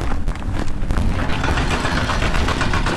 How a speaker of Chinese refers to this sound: 在威信到宜良高速公路建设现场，大型机械正在施工。这里属山岭重丘区，山高谷深。